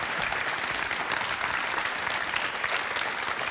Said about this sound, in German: Der Applaus will gar nicht enden. Sparen Sie sich noch ein bisschen Applaus auf für unseren musikalischen Gast.